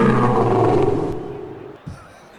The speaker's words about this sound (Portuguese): Leão tá vencendo. Cadê o rugido do Leão? Ruge, Leão!